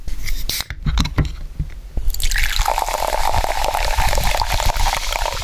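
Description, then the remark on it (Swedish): A few clicks and mouth sounds, then ice-cold carbonated water pours steadily with a bright, hissing bubbling that carries to the end. No one speaks. “Några klunkar i iskallt kolsyrat vatten.”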